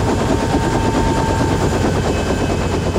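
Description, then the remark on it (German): A helicopter's rotor thuds loud in a fast, steady chop as it comes down to land on a field right next to a headquarters, its engine roar filling the background for the whole stretch, with no voices. “Der Hubschrauber landete auf einem Feld direkt neben dem Hauptquartier.”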